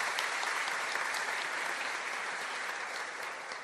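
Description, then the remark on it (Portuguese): A crowd applauds steadily for two people and the pastoral ministry group, a dense wash of many hands clapping at an even loudness throughout, with no voices standing out. “Uma salva de palmas para eles, né?”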